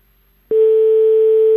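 A telephone call to a hotel rings after a moment of silence: one loud, steady electronic tone at a single mid pitch that starts abruptly and holds unbroken to the end, with no voices.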